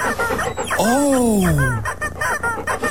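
A loud, drawn-out squawk from a rubber chicken toy that Rover, a pet, is excitedly playing with, rising then sliding down in pitch over about a second, prominent, with faint murmuring before and after.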